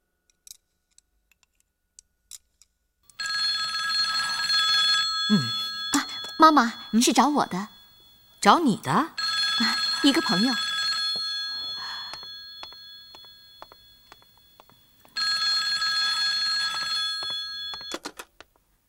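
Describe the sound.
An old-style telephone bell rings in two long, steady bursts, the first lasting several seconds with a voice talking over it, then a pause before a second shorter ring.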